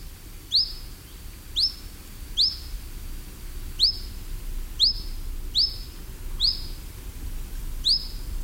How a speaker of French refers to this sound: Le petit gobe mouche noir qu'on appelle en latin, c'est le Ficedula hippoleuca. C'est un nom assez rigolo.